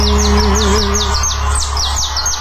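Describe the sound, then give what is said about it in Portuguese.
A canary chirps in a quick, steady series of about a dozen bright, high, downward-sweeping notes, with a low steady hum running underneath and no talking. “Tá bom, o que que é, canarinho?”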